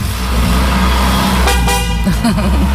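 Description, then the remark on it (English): A BMW Z4 convertible with its roof down, carrying two men, pulls away in sunshine, its engine a steady low rumble, with a short horn toot partway through. “This is Mark and Michael getting in a BMW Z4.”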